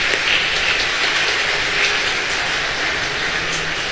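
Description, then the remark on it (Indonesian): An audience at an afternoon church liturgy applauds the choir from Subito with steady, dense clapping that holds at an even loudness for the whole four seconds, with no voices heard over it. “Tentu saja kita beri tepuk tangan untuk kor kita pada sore hari ini.”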